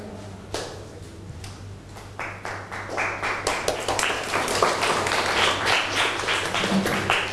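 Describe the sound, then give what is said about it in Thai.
Applause from a group of students for a student representative breaks out, starting with a few scattered claps and building into steady, dense clapping that continues to the end, with a low hum underneath. “ขอเสียงปรบมือให้ตัวแทนนักเรียนค่ะ”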